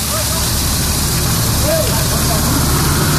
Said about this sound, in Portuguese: Olha, vazamento de água na rua Atos Tomás Ferrátil, em frente ao número 300, Capão Redondo. Mas, gente, é muita água que está jorrando, formando aquela super ducha assim para o alto, jogando água para o alto.